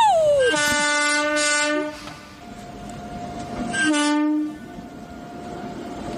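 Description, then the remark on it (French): A departing train's horn blares twice, a long chord-like blast and then a shorter one, both loud over a continuous rumble of rolling rail noise. “En voiture, en voiture.”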